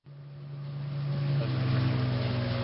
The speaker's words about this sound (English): Coming ashore on a desert island. There's boat. You are now on the island.